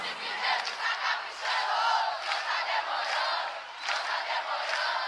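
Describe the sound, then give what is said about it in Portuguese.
A large crowd sings together in one loud, sustained wall of voices, a broad, slightly ragged choral swell that rises and dips steadily for several seconds with no break. “Deixa eu ouvir o coral mais bonito do Brasil.”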